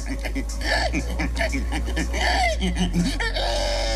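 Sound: human imitating a pig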